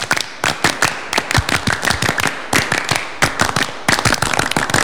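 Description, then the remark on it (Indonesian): A group of Indonesian scouts (Pramuka) performs the scout clap, clapping hands together in a brisk, patterned rhythm, sharp loud claps falling in repeated clusters with brief pauses between them, with no talking over it. “Dua kali tepuk pramuka.”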